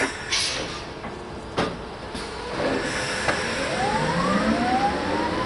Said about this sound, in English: all that Kai Montgomery hears as he steps on the pedal of the modified truck is the high-pitched whirring sound of the electric drivetrain